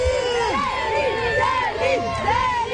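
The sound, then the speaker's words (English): A dense crowd of fans cheering and shrieking outside a hotel in Paris, France, welcoming a Canadian singer as she steps out, many high excited voices overlapping in rising and falling whoops, loud and continuous throughout. “That is fans cheering outside a hotel, welcoming Canadian icon … as she steps out in the French capital.”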